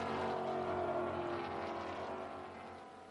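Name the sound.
race car driving past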